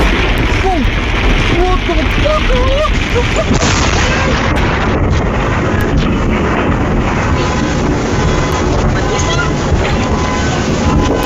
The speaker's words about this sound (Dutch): Het was een week vol zonnige dagen, maar dat veranderde vanmiddag met zware onweersbuien.